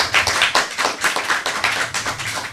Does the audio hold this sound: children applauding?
yes